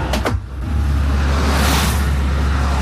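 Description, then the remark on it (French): Steady roar of many cars passing on a road with a deep low rumble, one vehicle swelling louder as it rushes past midway, loud throughout with no voices. “Ah voilà, tu vois, il est flopé de voitures qui passent, tu vois, flopé de voitures.”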